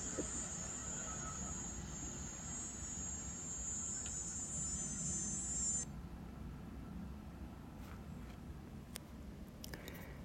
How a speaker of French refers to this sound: Tondeuse et cigale.